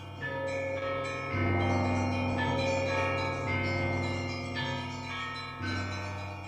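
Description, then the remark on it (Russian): Church bells ring at 5:30 in the morning on 5 September 1912, at the birth of Ariadna Efron, in overlapping, resonant peals, with fresh strikes every second or two layering over long humming decays. The sound is full and steady, with no voices. “Аля, Ариадна Эфрон, родилась 5 сентября 1912 года в 5:30 утра под звон колоколов.”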